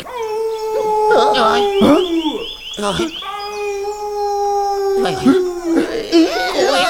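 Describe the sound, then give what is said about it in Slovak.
A wolf howls in long, sustained, wavering notes, with several drawn-out howls overlapping and rising and falling, loud throughout the whole stretch. “Počuli ste to? Čo to bolo? To je vlk!”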